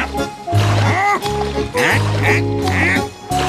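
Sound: duck quacking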